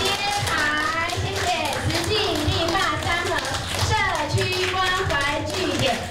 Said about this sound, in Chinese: 这是历史性的一个哈，掌声鼓励，一起。